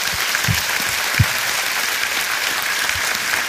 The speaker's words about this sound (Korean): 하나님께 영광에 큰 박수합시다.